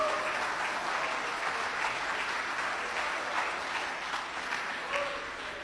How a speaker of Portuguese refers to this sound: Pode sentar, meus irmãos, aplaudindo Jesus bem bonito. Bem forte. Palmas de vitória para o Senhor.